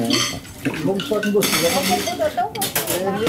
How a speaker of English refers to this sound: is now doing the dishes, and the water that's going down the drain in the sink goes directly into the filtering system.